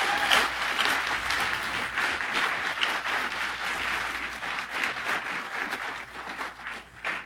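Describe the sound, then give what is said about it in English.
A crowd applauds Mayor Gladys of Smithers, steadily for about seven seconds, a dense, even patter of many hands clapping that stays loud throughout and thins slightly near the end. “We're going to give an applause line.”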